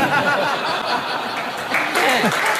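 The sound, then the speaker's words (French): An audience applauds in a steady, dense wash of clapping, with scattered laughter and voices mixed in throughout. “Et ils applaudissent.”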